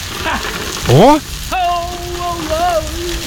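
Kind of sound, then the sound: nature, heavy rain falling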